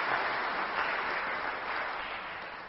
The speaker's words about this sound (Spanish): Les pido, por favor, le demos un fuerte aplauso.